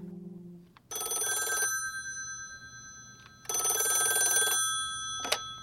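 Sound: telephone bell ringing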